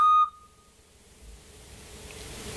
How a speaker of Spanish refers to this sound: ¿A que lo habéis oído? En primavera, sobre todo, de noche, al atardecer. Parece que se han dejado la alarma encendida. El autillo. Es el autillo. El autillo, sí. Se oye ahora durante estos meses bastante.